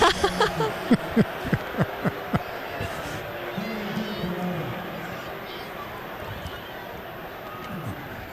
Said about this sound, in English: Just a chorus of boos from Stanford Stadium. We found one thing to bring everybody together.